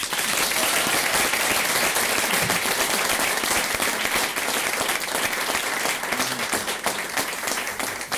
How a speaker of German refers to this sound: Einen riesengroßen Applaus für die …, bitte.